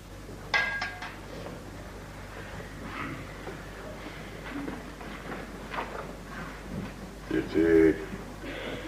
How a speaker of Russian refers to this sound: подает Вишневскому стакан воды